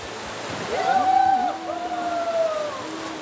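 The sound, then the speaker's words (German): Steady rushing water of the Leine, a small river in Germany, a continuous broad hiss that swells slightly in the middle, with faint tonal calls drifting over it. “Also ich liebe an der Leine das Rauschen des Wassers, dieser Ton, dieser Klang.”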